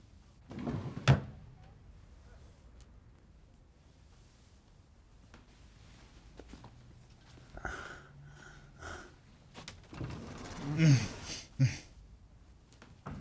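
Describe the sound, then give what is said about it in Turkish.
Drawers in a motel room are pulled open and pushed shut a few times, with wooden thumps and short sliding rattles, in otherwise quiet surroundings. “Çekmecelerde bir şey yok ama yine de bir bak.”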